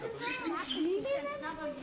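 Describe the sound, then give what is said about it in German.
Chorus of birds calling at feeding time, a steady run of squeaky, wavering cries and chirps that rise and fall in pitch, overlapping without pause for a couple of seconds. “Auch bei den Vögeln wird jetzt gefüttert.”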